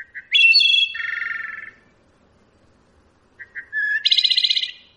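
Wood thrush song: two separate phrases, each starting with a few soft, short notes and rising into clear, flutelike tones that end in a rapid, buzzy trill. A pause separates the phrases, with no talking.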